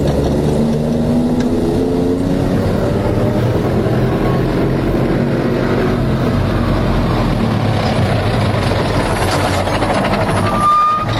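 A car drives along with its engine running steadily, a loud continuous low rumble and road noise filling the whole stretch without pause, unbroken.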